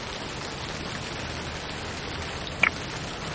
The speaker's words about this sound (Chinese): 兴城的天真是怪呀，说下雨就下雨。